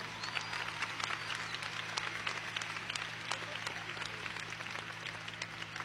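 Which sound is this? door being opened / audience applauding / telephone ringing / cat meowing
audience applauding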